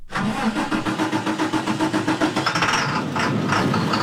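A diesel school bus engine of the Jefferson County school district fleet in Colorado rumbles steadily with a rhythmic, low chugging pulse, loud and continuous throughout, its tone roughening slightly toward the end as it revs.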